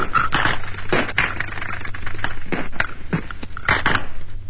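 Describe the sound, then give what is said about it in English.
Battle gunfire recorded from inside a battle as the firing became more intense: a steady stream of sharp, irregular cracks and short bursts over a constant rough hiss, with several louder shots standing out. No one speaks. “but we were able to make a recording of what a battle sounds like from inside.”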